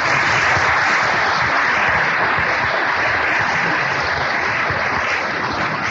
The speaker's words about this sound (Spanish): quiere expresar públicamente un especial agradecimiento al señor Roberto Ávila González, presidente municipal constitucional de la ciudad de Veracruz, para quien pedimos un gran aplauso por su colaboración.